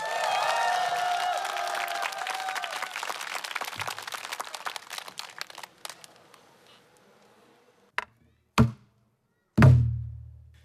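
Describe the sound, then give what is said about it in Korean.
A crowd applauds and cheers loudly to welcome pansori singer Lee Bong-geun's performance of the eye-opening scene from Simcheongga, voices raised above the clapping, then the applause gradually dies away, followed by three separate low, hollow thumps in near silence. “와우, 판소리 특유의 깊은 한과 폭발하는 환희를 담은 명불허전의 무대 소리꾼 이봉근 씨의 목소리로 청해 듣는 판소리 심청가 중 눈뜨는 대목 여러분의 뜨거운 격려와 박수와 함성으로 청해 듣겠습니다.”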